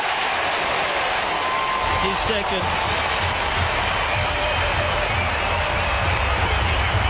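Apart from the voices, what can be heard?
stadium crowd roaring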